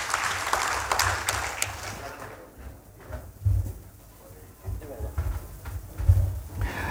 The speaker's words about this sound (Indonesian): Masih gagah, tepuk tangan dong Bapak Ibu, luar biasa ya.